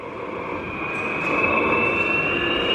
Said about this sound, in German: Vor mir steht nämlich so eine alte Diesellok und die nimmt jetzt richtig Fahrt auf. Klingt eher wie ein Düsenjet, der abhebt. Ja, das ist noch so eine alte Lok, die ist ein bisschen lauter.